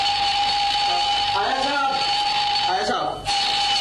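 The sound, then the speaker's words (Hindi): An alarm clock rings continuously with a steady, high-pitched buzzing tone that never lets up, while a voice briefly speaks over it partway through. It is an alarm set on a Sunday morning in the Hawa Mahal radio play 'Bahadur ki Shaadi'. “अबे good morning के लगते अलार्म बंद कर, ये आज अलार्म क्यों लगाया है?”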